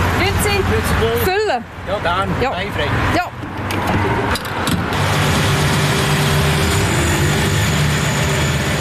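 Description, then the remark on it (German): A man's car pulls up at a small petrol station in Aarau-Rohr, Switzerland, to refuel; its engine hums and settles into a steady idle, with people exchanging a few words over it at the start before the low rumble carries on alone. “Ein Mann fährt suchen, der sein Auto tanken will.”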